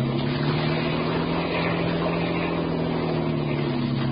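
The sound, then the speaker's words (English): A motorboat engine drones steadily and loudly at speed, its low throbbing hum continuous with rushing water noise, no pauses or voices throughout. “Get more speed out of this. I can't, Dan.”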